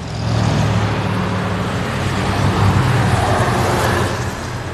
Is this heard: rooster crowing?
no